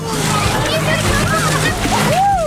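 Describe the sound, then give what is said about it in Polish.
Swimmers jump and splash into the water of a crowded open-air swimming pool on Wejherowska Street in Wrocław, Poland, with sloshing and churning water throughout, while children's voices and chatter carry over the busy poolside noise. “Proszę, ja zostałam ochlapana. Poszły pod wodę.”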